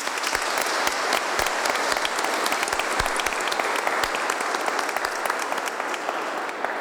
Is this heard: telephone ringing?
no